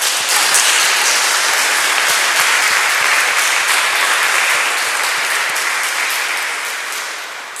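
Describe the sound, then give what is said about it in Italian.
An audience applauds steadily, a dense wash of many hands clapping at a constant loudness, easing off slightly toward the end. No voices stand out. “Lo ringraziamo e gli facciamo anche un applauso.”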